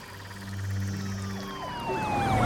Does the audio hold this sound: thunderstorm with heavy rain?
no